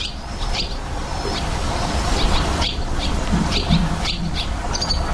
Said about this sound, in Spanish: por si alguien quiere ver golondrinas en Madrid, en el Jardín Botánico, Real Jardín Botánico de Madrid, en la alberca, que está un poco escondida pero accesible, hay golondrinas viviendo. Y además cantan, trisan. Trisan, así trisan las golondrinas.